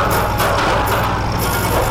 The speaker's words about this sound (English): Hey, Woody, have you ever heard an air conditioner this loud?